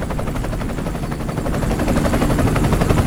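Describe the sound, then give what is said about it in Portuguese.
A 755-horsepower helicopter engine runs loudly, a deep throbbing rumble with a fast, steady pulse that grows slightly stronger toward the end, with no voices. “Ligou mesmo. Tá vendo? Mas então... 755 cavalos. Potência.”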